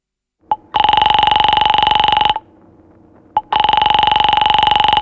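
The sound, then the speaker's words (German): An electronic telephone rings in two long, loud trilling bursts separated by a pause, each preceded by a brief click, with no voices present. “Warte mal, es hat doch geklingelt.”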